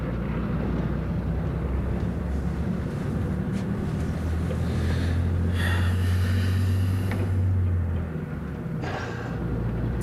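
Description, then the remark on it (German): A steady, loud engine rumble drones low and continuous throughout, with a deeper hum swelling midway and faint rattles and hiss inside a moving, otherwise empty bus. “Ist noch Platz neben dir? Der ganze Bus ist leer.”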